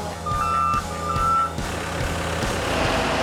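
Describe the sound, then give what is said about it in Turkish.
Two steady high-pitched reversing beeps from a concrete truck delivering sprayed concrete (shotcrete) for a swimming pool build sound over a loud, rumbling diesel engine with rhythmic low thumps, and the engine keeps churning after the beeps stop. “Püskürtme beton kamyonlarla taşınan, hortumlarla sıkılan, havuz duvarına yüksek tazyikle uygulanan hazır betona deniyor.”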